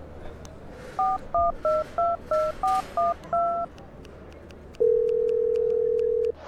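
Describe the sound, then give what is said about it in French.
A phone number is keyed in to call the hosts of a show on Radio Grenouille: eight short touch-tone beeps in a quick, even sequence over faint hiss, followed by a long, steady, lower-pitched tone on the line. “On va les appeler pour que tu leur laisses un message.”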